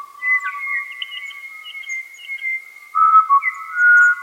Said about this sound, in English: It's now early morning in the Bungle Bungles, and I'm on a four-night walk, and there's a Pied Butcher Bird calling in the gully down further.